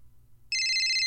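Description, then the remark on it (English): A telephone suddenly starts ringing halfway through, a loud, steady electronic ring with bright high tones, following a near-silent stretch with faint low rumble. “I haven't got a phone call on an NAP show in so long. Let me see. Where's my... Hold on. Let me find my phone.”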